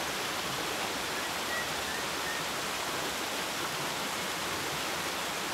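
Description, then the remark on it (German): A small mountain stream of crystal-clear rainwater flows steadily with a continuous, even rush of water, moderately loud, with no voices present. “Regenwasser sammelt sich in vielen kleinen Bächen.”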